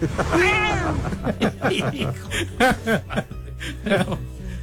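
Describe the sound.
A drawn-out, rising-and-falling meow rings out clearly at the start, followed by a jumble of voices, chuckles and short vocal sounds that continue to the end.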